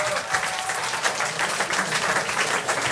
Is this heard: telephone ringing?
no